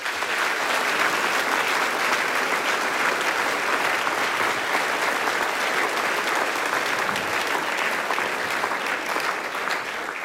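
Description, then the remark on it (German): Sustained audience applause welcoming the a band at a folk music celebration of 10 years of the a band in Abtenau, a dense steady wash of clapping hands at even loudness for about ten seconds with no voices over it. “Begrüßen wir es herzlich mit einem Applaus.”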